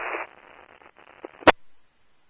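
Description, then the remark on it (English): A burst of crackly, band-limited radio static, loudest at first, then thinning into faint hiss with scattered clicks before a sharp pop cuts it off into silence. “All static.”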